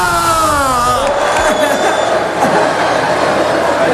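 A large crowd of Deportivo football fans in the packed Plaza de María Pita in A Coruña roars and cheers without pause, a dense wall of overlapping shouting voices that stays loud for the whole stretch, opening with a long drawn-out cry.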